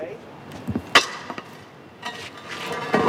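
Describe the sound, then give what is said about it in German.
A heavy metal manhole cover is pushed with a long tool by Alessandro Aurelia of the firm Romana Ambiente over cobblestones in a street in central Rome early in the morning, scraping and clanking in a few uneven bursts, with sharp metallic knocks and gritty grinding, fairly loud against low background noise. “Mit einem langen Werkzeug schiebt Alessandro Aurelia von der Firma Romana Ambiente einen Gullideckel in einer der Straßen im Zentrum von Rom übers Kopfsteinpflaster.”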